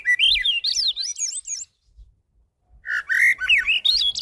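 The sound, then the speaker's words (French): A bird sings in two bursts of quick, warbling whistled phrases sweeping up and down, separated by a short pause of near silence; the song is fairly loud, with no talking. “Quand l'oiseau chante, il répète, il se pratique, il se perfectionne, il devient un meilleur chanteur toujours.”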